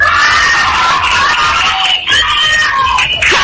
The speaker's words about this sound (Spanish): Un aplauso para nuestros regidores Mario y Luis María, que nos ayudaron a hacer posible eso.